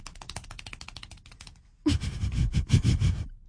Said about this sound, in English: What the hell was that? That was my clapping really fast.